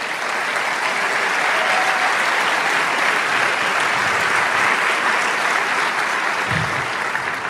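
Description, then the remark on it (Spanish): An audience applauds steadily for the King, the Lord, a dense, even wash of many hands clapping at full volume throughout, with no speech over it. “Gloria al Señor, ese aplauso es para el Rey.”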